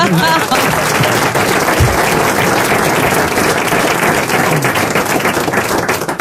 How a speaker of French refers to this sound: Ils applaudissent, ils applaudissent. Ils applaudissent.